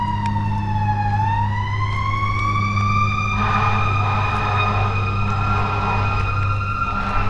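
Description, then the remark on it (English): A fire truck siren wails steadily in the distance as emergency vehicles pass on West Maple Road, its tone dipping low then slowly rising and holding, over a constant low rumble of background noise with no one talking. “That, most assuredly, is a fire truck.”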